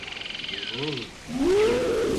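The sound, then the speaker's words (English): A tiger lets out a loud, drawn-out roar that swells and rises, cutting through a steady night chorus of chirping insects and croaking frogs. “That was Tiger Mummy.”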